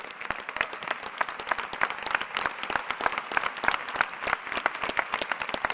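A large crowd claps loudly and steadily as applause for Jesus, dense overlapping hand claps filling the space for several seconds with no talking over it.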